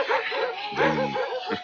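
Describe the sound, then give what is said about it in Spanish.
A team of eight sled dogs in harness, pulling a sled in Labrador, bark and yip together in a dense, overlapping chorus, loud, with a sharper burst of barking in the middle and another near the end. “Con estos perros no tengo nada que temer.”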